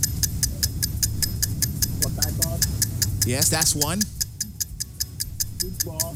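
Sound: countdown clock ticking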